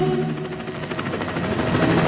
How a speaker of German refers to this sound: Hubschrauber überall, und zwar alle 10 Minuten. Die Bundespolizei übt ein kleines bisschen und sie übt Hubschrauber-Formationsflug.